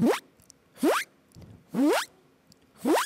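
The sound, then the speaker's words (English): A voice imitates a zipper being closed by breathing in with pressure inside the mouth, making four quick rising zips about a second apart, fairly loud, with short silences between them and no talking. “So I'll try the zipper sound. Oh. Which sounds like when you close the zipper.”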